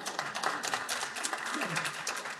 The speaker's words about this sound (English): Weak clap, but thank you nonetheless.